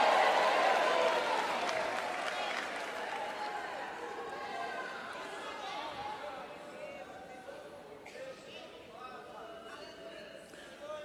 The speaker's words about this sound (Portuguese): Tem alguém que pode levantar a sua mão e dar um grito de glória a Deus?